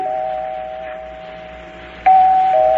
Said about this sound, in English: I rang the bell. It kept ringing and ringing. No one answered.